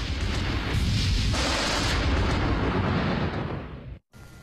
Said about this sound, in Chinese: 他说对呀、啊，那个雷一打起来是天摇地动，天摇我比较不怕，地动我比较害怕。